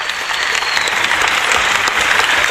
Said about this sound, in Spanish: Y el aplauso.